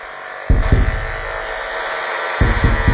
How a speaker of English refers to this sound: You might be able to hear that the knife fish is producing a nearly constant stream of electrical pulses. It's using electricity to paint a picture of the environment